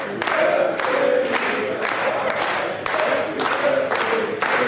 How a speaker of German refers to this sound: Ja, für mich neu, dass man Happy Birthday auch klatschen kann. Aber herzlich bedankt.